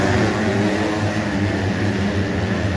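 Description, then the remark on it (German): Motocross motorcycle engines roar in a continuous, loud wash of noise at the Motocross World Championship round in Teutschenthal, Germany, with a steady low droning hum underneath and no clear breaks or voices. “Da brüllen nämlich an diesem Wochenende ja schon die ganze Zeit die Motoren.”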